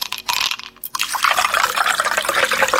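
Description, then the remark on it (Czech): Cola pours into a glass over ice, a loud fizzing rush with crackling bubbles and small clinks of ice, briefly pausing near the start before a steady pour. “slušajte sad ovo, jer se čuje led dok točiš kolu u čašu kao na reklami, znate onaj.”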